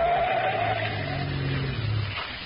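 A car engine roars at full throttle as the gas is floored and the car runs hard through a curve, tires squealing, a steady loud rumble with a high whining screech over it for a couple of seconds.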